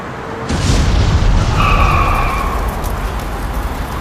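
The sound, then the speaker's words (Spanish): A small plane carrying 6 passengers and 2 crew, coming from Langkawi International Airport and about to land at an airport in Malaysia, crashes and bursts into flames: a sudden loud crash and explosive boom, followed by a sustained low roaring rumble with a brief high screeching tone midway, no voices present. “Este es el momento en que una avioneta con 6 pasajeros y 2 tripulantes se encendió en llamas tras un mortal impacto.”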